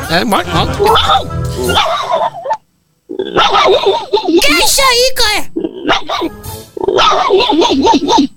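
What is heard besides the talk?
dog barking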